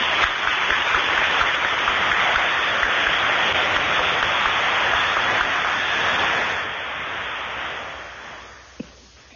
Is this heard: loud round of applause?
yes